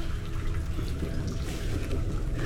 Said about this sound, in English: It is possible that the storm that was upon us last night has moved inland and filled the Arnon Gorge. Are we in danger? It is not uncommon for large quantities of water to come cascading down the gorge.